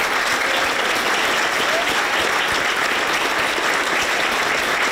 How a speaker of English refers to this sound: But once the clapping stopped, it was in the other Number 10 in Manchester, where we sat down with the Prime Minister finally to talk about challenges at home and relationships abroad.